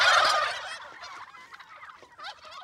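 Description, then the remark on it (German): A loud burst of turkey gobbling rings out at first, followed by softer, scattered gobbles and clucks from several turkeys on a turkey meadow, with no talking. “Und offensichtlich braucht eine der Puten Hilfe.”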